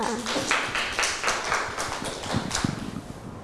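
Children clap their hands together in a quick, uneven burst, a scattered patter of small claps continuing for a few seconds without any talking.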